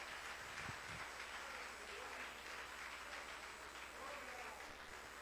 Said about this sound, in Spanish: Denle un aplauso fuerte a Cristo en esta noche.